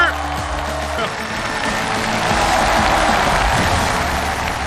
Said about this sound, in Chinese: 再次用掌声欢迎三位老师。